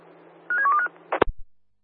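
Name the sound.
telephone keypad dialing tones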